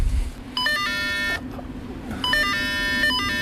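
Two bursts of bright electronic chiming beeps, like a cable car turnstile bell and ticket beep, ring out clearly over a steady low mechanical rumble, with a short pause between them.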